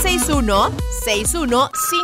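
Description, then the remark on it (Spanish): A loud telephone ringing effect with warbling, sweeping tones that repeat in quick bursts, over a dense, voice-like jingle with no clear words, marking the opening of a phone line for listeners to send messages. “¿qué les parece si activamos, bandidos, bandidas, línea telefónica para que empiecen a mandar sus mensajitos?”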